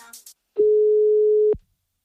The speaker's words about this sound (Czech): Tak pojďte tuto povinnost splnit společně se mnou. Vytáčím.